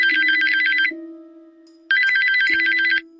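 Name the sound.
mobile phone ringing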